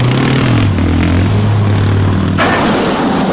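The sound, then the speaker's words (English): A loud, new Elevated Power Sports off-road side-by-side engine revs and drones steadily while climbing to the top of the Beartooths, its pitch dropping and settling, before rough clattering and gravelly scraping noise surges in near the end. “This new side-by-side from Elevated Power Sports is a straight-up beast.”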